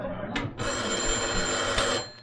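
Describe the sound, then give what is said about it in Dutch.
An old-fashioned telephone bell rings in a small office in a continuous metallic trill lasting about a second and a half, following a brief earlier burst, loud and bright with a faint low rumble underneath. “Toch goed dat we telefoon in uw kantoortje hebben neergezet, hè?”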